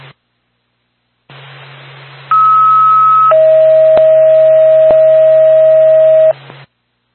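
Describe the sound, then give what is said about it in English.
A Whitefield Ambulance dispatch alert tone for Star Pack 2 over radio hiss: a steady high beep for about a second, then a lower sustained tone lasting several seconds, with a faint hum underneath. “Star Pack 2, Whitefield Ambulance, standby for tone.”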